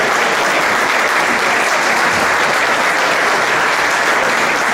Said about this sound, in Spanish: Un aplauso.